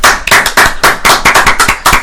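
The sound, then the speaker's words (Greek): A burst of applause from a small group, dense overlapping hand claps at a steady brisk pace, loud and bright, with no voices over it. “Ένα χειροκρότημα παρακαλώ.”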